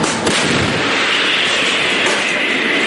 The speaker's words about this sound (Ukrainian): Дрони, керовані авіабомби, ворог тисне, але й артилеристи щодня добряче насипають по ворогу і зривають їхні наступальні операції. Постріл!